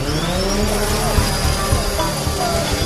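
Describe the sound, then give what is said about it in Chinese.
A steady mechanical whir of drone propellers spinning up for takeoff, a droning buzz with a faint high whine running unbroken for the whole few seconds. The drone is used for aerial scanning and mapping of the ancient city of Shaoxing, China. “同时通过无人机航拍扫描，对更大范围的城市地理准确采集。”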